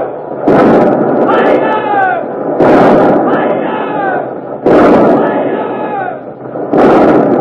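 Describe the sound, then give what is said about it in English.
The Revenge, turned broadside to the Armada, fires her port guns (60-, 30-, 18- and 9-pounders) at point-blank range in four heavy blasts about two seconds apart. Each boom trails into a loud, rumbling roar, with a crowd of men shouting throughout. “The 60-pounders, the 30s, the 18s, the 9s. You'll hear all of them in a moment.”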